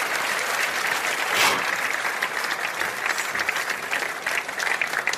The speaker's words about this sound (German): Und das ist euer Applaus. Vielen, vielen herzlichen Dank.